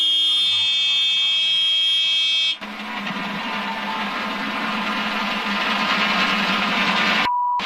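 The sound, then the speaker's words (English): A loud, steady electronic cockpit warning buzzer drones for a couple of seconds, then gives way to a roaring rush of engine noise that cuts out abruptly, followed by a brief tone. “Kind of sounds like one of those like squealing kind of duck. Mm-hmm. Almost like a buzzer.”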